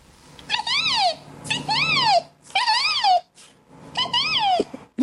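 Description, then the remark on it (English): A 12-year-old boy, who can imitate 115 different bird calls, imitates a bird call: four repeated high, arching cries that rise and fall in pitch, each about a second long with short gaps, over a faint low hum. “This is the story of a 12-year-old who can imitate 115 different bird calls.”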